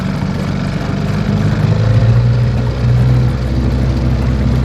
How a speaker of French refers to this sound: Quelques minutes en canot à moteur et nous voilà déjà à bord, sur le fleuve, dans un autre monde.